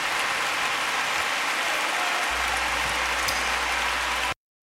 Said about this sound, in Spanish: ¿Por qué no le damos un aplauso al Rey? Rey de Reyes, Señor de Señores.